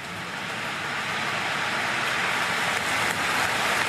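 A dense, steady roar of clapping from several hundred thousand people outside a church after a speech by Diana's brother, the sound coming into the church like a wave, thousands of hands blending into a continuous hiss that swells slightly louder toward the end, with no voices standing out.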